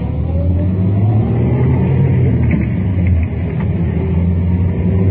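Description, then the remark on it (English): A car engine hums steadily and builds as the vehicle accelerates through a U-turn in traffic after several cars pass, a low continuous rumble with rising tones and road noise, no voices. “Now, in just a couple more moments, we should get a shot to make that U-turn.”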